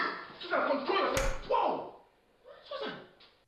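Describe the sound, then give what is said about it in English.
A single sharp slap to the face lands mid-argument, a quick loud smack amid raised, agitated voices that continue on both sides of it. “you slapped me.”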